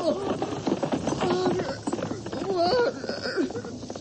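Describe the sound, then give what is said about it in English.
Horse hooves clip-clop in a quick, steady rhythm as riders leave on horseback, while voices talk and call out over the hoofbeats. “I'm riding out of here, Norris, and you aren't going to stop me.”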